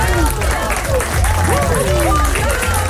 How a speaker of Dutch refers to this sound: Applaus voor jou, man.